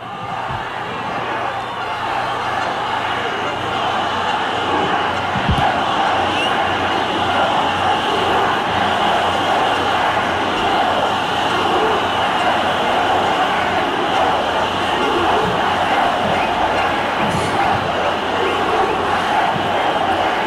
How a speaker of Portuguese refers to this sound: O grito de fora Moraes. É, e Lula ladrão, seu lugar é na prisão.